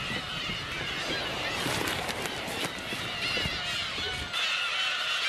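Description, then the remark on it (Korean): A dense, continuous chorus of black-tailed gulls calling from a colony of about ten thousand birds on Gujido island, countless overlapping mewing cries blending into a loud, restless wall of sound with a steady outdoor rush beneath. “구지도의 주인은 괭이갈매기였습니다. 모두가 저를 감시하는 것 같았죠. 그것도 만 마리나요.”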